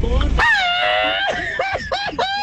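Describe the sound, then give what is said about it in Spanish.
A loud Mexican grito, one of two shouted in a grito contest: one long, sustained high-pitched yell that breaks into a few quick, warbling yodel-like whoops at the end. “Ahí está, grito número uno, grito número dos.”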